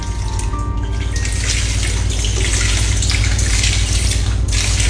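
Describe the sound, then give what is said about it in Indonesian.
Water churns and splashes steadily for the whole stretch, a loud, continuous rush with bubbling texture and no distinct pauses, as someone dives to the bottom of the Loksado River. Nobody speaks. “dengan ditemani Kanan Patahu, Abang Astina dibawa menyelam ke dasar Sungai Loksado”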